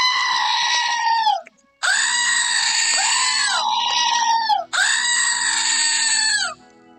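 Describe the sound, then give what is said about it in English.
A screaming goat novelty toy lets out three long, loud, wavering goat screams in quick succession, each one drawn out and shrill, with no talking around them. “I just opened something I got from my sister in the mail, and yes, it's another screaming goat.”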